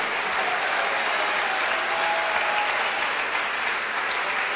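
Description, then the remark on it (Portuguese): A church audience claps hands for Jesus steadily for several seconds, a dense, continuous wash of applause at even volume with no voices standing out. “Mas essas palmas estão muito fraquinhas, vocês não estão acreditando?”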